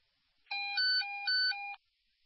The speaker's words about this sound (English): Sorry, my phone's going off.